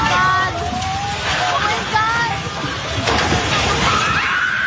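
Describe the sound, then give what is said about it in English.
Several people shout and cry out as staff run out of a Jollibee restaurant in the Philippines just before the three-story building collapses, amid a loud, continuous rumbling roar, with a sharp burst of noise about two-thirds of the way through, everything chaotic. “A video posted online shows people shouting as staff at a Jollibee restaurant ran out of the building just before the three-story structure collapsed.”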